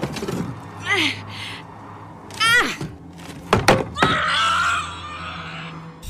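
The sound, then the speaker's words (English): A hammer thrown from a roof lands with a couple of sharp, heavy thuds, surrounded by shrill, sweeping yowls that rise and fall before and after the impacts. “Throw the hammer at it,”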